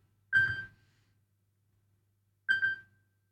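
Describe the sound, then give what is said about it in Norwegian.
A telephone rings twice, each ring a short bright burst that fades quickly, separated by about two seconds of silence. No one speaks. “Det ringer, hør vi kan det være.”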